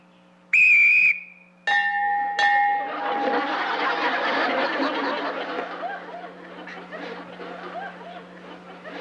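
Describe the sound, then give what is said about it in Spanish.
A loud, shrill human whistle blast, a signal for a group of people to start attacking one another, rings out for about half a second, then a brief second tone gives way to a burst of snickering laughter and lively chatter from several people. “Cuando yo silbe, ustedes se atacan uno al otro.”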